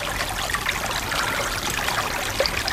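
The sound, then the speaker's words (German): A small brook trickles and burbles steadily, a continuous wash of bright splashing water with no voices, at a moderate level throughout. “So hört sich eine Quelle an. So ein Bach.”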